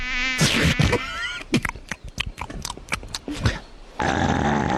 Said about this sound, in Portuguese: Ai, mais uma mosca, mais uma mosca.